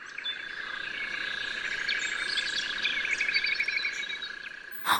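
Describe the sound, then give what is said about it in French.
Small birds chirp and twitter in quick, high bursts over a constant droning background, moderately faint, with a short louder noise right at the end. “Vous entendez les oiseaux chanter le matin quand vous vous réveillez?”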